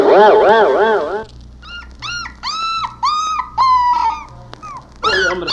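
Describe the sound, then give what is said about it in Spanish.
A dog, kicking and struggling, lets out a loud, wavering howl, then breaks into a series of short, high-pitched whimpers and whines over a low background hum. “El pobre perro como que va a patear los nacos porque ya está pataleando, mire.”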